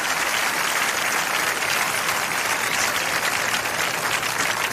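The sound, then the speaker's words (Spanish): A large crowd in a plaza applauds for Jesus Christ at a religious gathering, dense clapping sustained at an even level throughout. “El aplauso a Jesucristo.”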